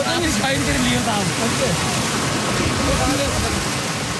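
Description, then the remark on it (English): Loud, steady rushing of stream water flowing through a spring in Kashmir during a festival, while a crowd of villagers moving through the stream shouts and calls out over the constant roar. “In the middle of the rushing water and shouting crowds, a villager lifts his basket”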